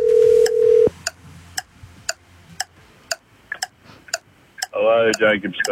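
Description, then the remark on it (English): A steady telephone tone sounds for about a second, followed by a regular ticking that counts off evenly, then a voice picks up over the line near the end. It is a Wave 96.5 radio call to a listener in Warilla registered for the Origin or Bust contest. “Dialing. Now, yeah, we're calling someone now in Warilla, okay?”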